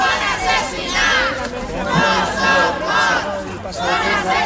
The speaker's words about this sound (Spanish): Al grito de no son more, son assassinats, no son muertos, son asesinados, familiares de las víctimas se han concentrado a las puertas del Parlamento justo cuando comparecía el expresidente